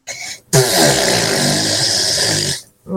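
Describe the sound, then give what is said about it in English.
A voice imitates someone's mother's bottom burps with a loud, sustained buzzing raspberry lasting about two seconds, preceded by a short breathy lead-in and ending abruptly. “can you do me an impression of your mum's bottom burps”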